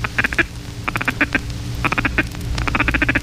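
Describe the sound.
A duck call blown into its collar in a rapid feed-call chatter, loud, in quick clusters of quacking bursts, its tone opening and muffling as hands alternately cup and open around the bell of the collar.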